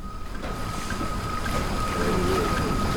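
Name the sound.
boat at sea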